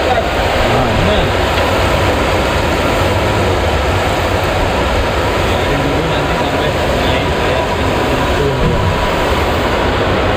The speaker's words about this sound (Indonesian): Proses penggorengan dilakukan agar tahu lebih matang dan awet.